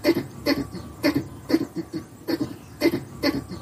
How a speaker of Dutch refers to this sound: dat is afkomstig uit het egelnest in de achtertuin van Gerry Lindeboom uit Dalfsen. Ja, dit hoor je niet dagelijks.